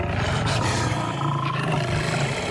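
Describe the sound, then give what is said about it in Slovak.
Lions roar loudly and continuously, deep throaty growls overlapping as if from several animals, filling the whole brief moment with no pauses and no talking. “Kráľovná sa obzrela za revom a na vršku zbadala levy, ako bežia rovno k nej.”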